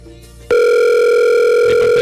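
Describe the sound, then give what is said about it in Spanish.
A phone line rings with a loud, steady electronic tone that starts abruptly after a quiet moment and holds unbroken for over a second, with no voice answering. “Hoy ninguno va a contestar.”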